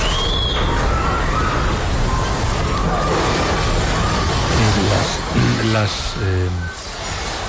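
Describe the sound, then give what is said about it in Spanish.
An early-morning earthquake in Venezuela, of magnitudes 7.2 and 7.5 about 35 seconds apart, shakes the walls and windows at Caracas airport with a loud, continuous rumbling roar and rattling that holds steady throughout, while voices cry out briefly in the last few seconds. “Voy a recuperar un testimonio con el que abríamos el programa, que es tremendo, es el sonido de un terremoto.”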